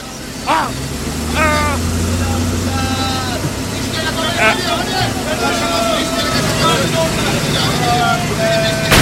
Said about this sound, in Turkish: Hadi sen çalıştır arabayı, yoksa linç edecekler beni. Tamam tamam. Çalıştı işte.